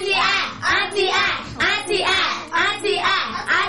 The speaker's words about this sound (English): Correct. A sound clap.